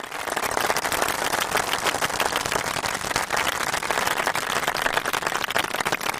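Steady applause from a crowd, a dense, continuous patter of many hands clapping at an even loudness for about six seconds with no voices, given to a participant for saying lines without mistakes.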